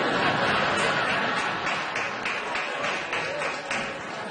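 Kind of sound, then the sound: crowd, audience clapping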